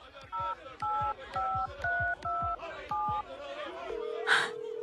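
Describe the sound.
Seven quick keypad beeps come from a phone being dialed to call an acquaintance amid a noisy crowd. Each is a short dual-tone blip in a steady rhythm, followed by a long ringback tone, with faint voices underneath.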